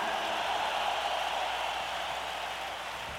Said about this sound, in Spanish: ¡Que suene un aplauso chido para estos niños, banda!